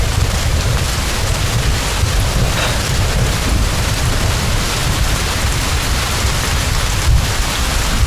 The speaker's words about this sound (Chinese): 这怎么突然下雨了呢？这我查了天气预报的呀。